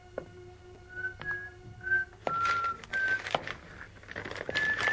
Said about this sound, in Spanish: empezó a silbar ante un artículo del diario.